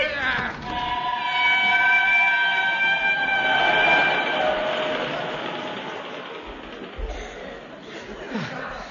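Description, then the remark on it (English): A train pulls away on the Yorkshire moors in the pitch dark, with a rumbling, rattling roar and a high, sustained metallic squeal that gradually fades and recedes. “I was just about to run after the train when I felt a hand on my arm.”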